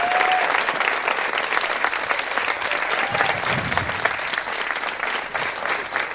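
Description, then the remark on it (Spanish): Sustained warm-up applause from a live audience, many hands clapping densely and steadily for several seconds, fairly loud, with a few faint voices mixed in. “A ver ese aplauso de calentamiento.”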